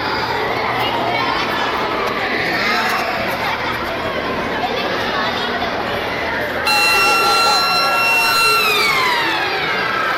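Lively chatter and shouts of many children fill a schoolyard in the Basque Country in the morning, then a loud electronic siren with steady high tones cuts in about two-thirds through and holds over the crowd noise, the first school siren marking the start of the 2026-27 school year.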